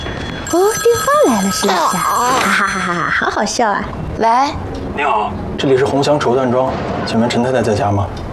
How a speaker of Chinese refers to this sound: 哦，电话来了， 是不是？